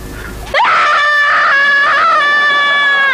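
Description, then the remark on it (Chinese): After a short burst of noisy rustle, a person lets out one long, loud, sustained scream that holds steady at a high pitch until the end, with no talking. “你尽管喊叫吧，再想也没用。”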